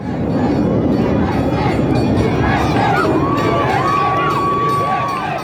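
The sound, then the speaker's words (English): Tens of thousands of locals and visitors along Park City's Main Street at the town's annual 4th of July parade cheer and chant "USA" steadily, a dense roar of many voices, with a few higher shouts and a sustained whistle-like tone rising above the din toward the end. “Cheering and chanting USA, tens of thousands of locals and visitors gathered along Park City's Main Street for the town's annual 4th of July parade.”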